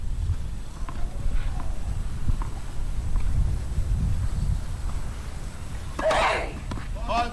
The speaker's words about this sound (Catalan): Escoltem ara el microambient de Radio Ciutat de Badalona, aquest vent que s'ha aixecat aquí a la pista central del Tennis Club Badalona